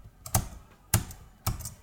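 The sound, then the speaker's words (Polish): Three crisp computer keyboard key presses, each a sharp clack spaced about half a second apart, as if pressing Shift+Tab while trying to navigate the NordVPN app window, with no talking in between. “Shift tab.”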